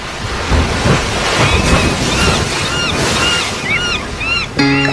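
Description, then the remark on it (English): Steady roar of ocean waves washing in, a broad rushing wash throughout, with repeated chirping bird calls above it and a brief tonal sound at the very end. “The allure of the sea.”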